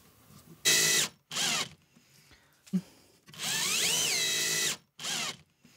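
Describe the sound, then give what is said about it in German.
A power drill drives in a screw, one at each corner, in loud whirring bursts: two short runs, a long one whose motor pitch rises and dips, then a final quick burst, with a small click in between. “Ja, also da reichen wirklich an jeder Ecke eine Schraube.”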